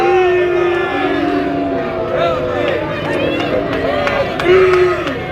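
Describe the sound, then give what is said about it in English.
A baseball stadium crowd lets out a sustained, rumbling chorus of disapproving voices after a breaking-ball pitch outside, overlapping boos and shouts rising and falling for several seconds, with a louder swell near the end. “Crowd didn't like it.”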